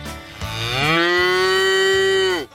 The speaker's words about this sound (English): Welcome to the Inspire FM Animal Talent Show. And our first contestant is... a cow.